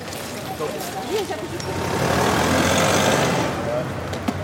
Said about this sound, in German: Furchtbar. Warum? Weil hier permanent Autos langfahren und selbst als erwachsene Person fällt es mir schwer, hier einen Überblick zu behalten.